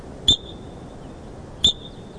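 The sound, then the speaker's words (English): An animal's alarm call: two sharp, high chirps about 1.3 seconds apart, each a brief bright tone with a thin lingering ring, like a smoke alarm's low-battery beep, against a quiet background. “Now, I thought this sounded a little bit like a cardinal chirp, but you say it sounds like what? Yeah, we kind of compare it to a fire alarm with low battery.”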